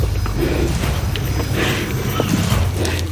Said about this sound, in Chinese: 看这些家伙进食，感觉很震撼，你能听到骨头嘎嘎作响，皮肉撕裂的声音，而且味道也不是太好闻。